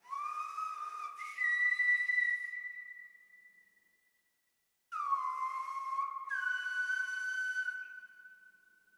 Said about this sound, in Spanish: Entonces sentí la necesidad de venir a la isla de La Gomera, donde me encuentro actualmente, a aprender el silbo gomero, que es una comunicación ancestral en el que los antepasados se comunicaban a través del silbo.